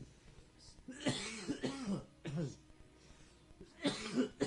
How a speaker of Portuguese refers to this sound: Doa, irmão, que essa tosse tá grande.